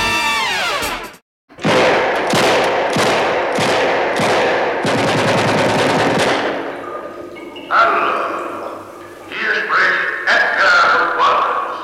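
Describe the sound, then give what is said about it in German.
A rapid series of loud gunshots rings out in a rhythmic volley, followed by a stretch of dramatic music with a sustained, swelling tone, the opening of a crime film shown on German television in 1961. “Schüsse von Edgar Wallace, die unterhalten die deutschen Fernsehzuschauer im Jahr 1961”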